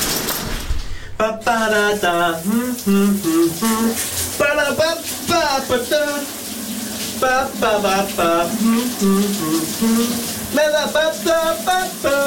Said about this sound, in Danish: det bedste ved en mandag morgen, det er altså at høre … skråle i bruseren